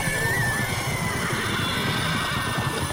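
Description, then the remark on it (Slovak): Horses in a stable whinny amid a dense, continuous clatter of stamping hooves, loud and restless throughout, with no voices. “Nastal ohromný dupot a erdžanie.”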